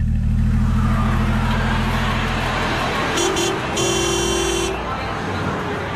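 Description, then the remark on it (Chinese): A car engine rumbles and then fades as the car turns a corner and pulls away toward a villa, followed by two short, bright honks of a horn, the second one held longer. “汽车拐了一个弯”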